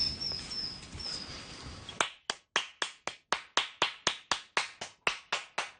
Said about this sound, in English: We'll just walk along a little bit and we'll try and clap up some robins.